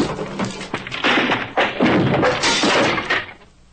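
An axe strikes repeatedly to break in: heavy thuds with splintering and cracking as something breaks apart, the blows coming in an uneven rhythm and tapering off at the end. No one speaks.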